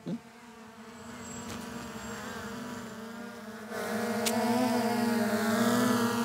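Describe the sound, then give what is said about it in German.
A model airplane engine buzzes steadily overhead above Wolfratshausen with a high, whiny drone, swelling louder partway through as it passes. No voices are heard. “Schau, Luftschlacht über Wolfratshausen! Vorsicht! Land es einmal!”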